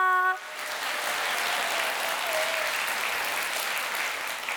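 A brief pitched tone at the start gives way to an audience's steady, dense applause after a gayageum performance, the first act of the show: many hands clapping in a loud, even wash that holds for several seconds without fading.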